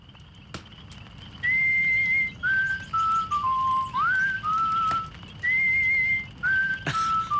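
The melody of the song "Unity Is Strength" whistled in clear, sustained notes that step up and down in pitch, phrased in short held segments over a steady low background rumble; no one speaks.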